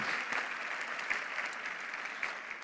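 An audience at a church service applauds the Lord together, a dense, steady wash of many hands clapping with small scattered peaks, sustained evenly throughout without anyone speaking.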